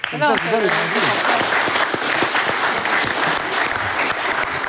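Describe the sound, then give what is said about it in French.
Sustained studio applause for a football sequence by Lancelot in a Moldovan Division 1 match between Sereti and Orgouz, a dense wash of clapping at steady volume for several seconds, with a brief voice audible at the very start. “On applaudit pas le but, mais la séquence de Lancelot.”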